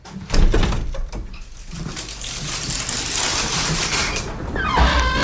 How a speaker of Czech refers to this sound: Tak, velmi opatrně otevíráme dveře voliéry.